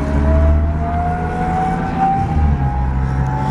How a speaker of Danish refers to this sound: det støjer så meget, når man sidder inde i sådan en pansret mandskabsvogn